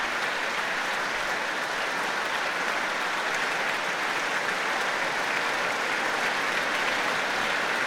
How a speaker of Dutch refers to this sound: Nu voor alle muzici van het Rotterdams Philharmonisch Orkest. Een groot applaus van Daniel Trifonov voor hen.